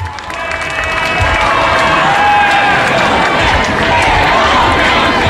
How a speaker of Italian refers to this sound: sentite l'applauso dei pellegrini, ecco il Papa, noi ci fermiamo qui, ecco il Papa che è sceso in piazza e diamo la linea a Papa Leone.